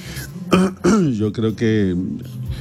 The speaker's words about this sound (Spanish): ¿Qué le pasa? ¿Se siente bien? Es una tos ahí. Yo creo que voy a hacer el programa como hasta las 11, porque es que sé, una carraspela que...